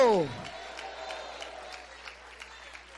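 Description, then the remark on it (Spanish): A voice trails off at the start, then an audience applauds for Christ during a sermon, with a steady wash of clapping and regularly spaced, louder claps that give it a loose rhythm. “¡Aplaude a Cristo!”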